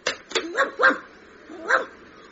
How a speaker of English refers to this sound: Hang on, look, there's a stray dog in the phone box.